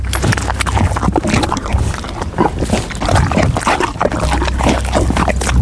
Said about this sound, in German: Ich habe eher den Eindruck, sie trinkt irgendwas, schmatzt ganz schön. Also es klingt auch sehr sabber, flüssig. Ach, jetzt weiß ich's doch. Die Pferdedame Didi frisst gerade eine Banane.